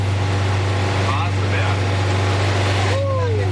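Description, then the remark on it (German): A vintage bus, the 'Bergziege', labours at a snail's pace up the Waseberg hill with a loud, steady low drone that runs throughout, with brief faint whining tones and muffled voices rising over it. “Da ging es hoch im Schneckentempo mit ziemlich lautem Motor.”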